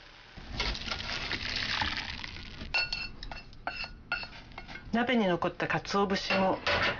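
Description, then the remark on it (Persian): Dashi stock made with katsuobushi pours in a steady rushing wash for a couple of seconds through a colander set over a bowl, followed by scattered clinks and clatters of the metal strainer and dishes being handled, with a brief voice-like murmur. “حدود 1 دقیقه بگذارید بجوشه و سپس داشی رو در یک آبکش که روی یک کاسه قرار گرفته خالی کنید.”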